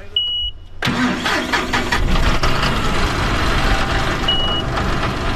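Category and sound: vehicle, tractor engine idling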